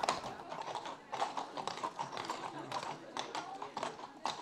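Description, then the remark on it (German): Horses' hooves clop in a busy, uneven stream of quick hard taps that overlap and never pause, at a steady moderate loudness with a faint murmur of voices underneath. “Ob die Pferde die Musik wegstecken und wie panisch sie reagieren, wenn die richtig auf die Trommel hauen.”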